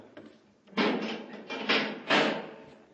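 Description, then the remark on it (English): A heavy inner door of a tunnel passage slides shut with a loud, grinding rumble that swells in three surges after a brief quiet start. No one speaks. “Better close the door behind us, Hap.”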